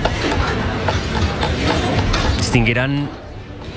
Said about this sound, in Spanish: cubiertos, platos, agua, alguien cortando, troceando algo. Se escucha un movimiento de fondo. Este es el sonido de una cocina a pleno rendimiento. Es la cocina de la casa Gaibor en Guitiriz, en Lugo.